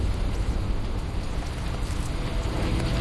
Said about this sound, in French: La pluie qui s'était en fait attendre les premières semaines est à présent omniprésente. Elle est devenue source de nuisances. Tout est détrempé sur le radeau.